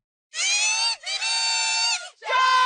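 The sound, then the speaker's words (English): A big crowd roars and screams in loud, sustained bursts, three long waves of high-pitched cheering and yelling with brief dips between them, from hockey fans at the Canadian Tire Centre in Ottawa for the Ottawa Charge's Game 3 home game against the Montreal Victoire in the PWHL Walter Cup series. “A sound that will fill the Canadian Tire Centre tonight as the Ottawa Charge return home for Game 3.”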